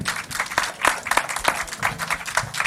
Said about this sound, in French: Merci à vous aussi parce que sans vous, le festival n'existerait pas. Donc je vous demande de vous applaudir d'ailleurs et je vais le faire aussi avec